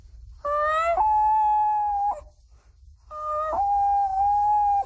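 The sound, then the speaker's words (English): A 12-year-old imitates a common loon's call: two long, clear wailing notes, each rising then settling into a sustained quavering tone, with a short pause between them. The notes are fairly loud. “The common loon.”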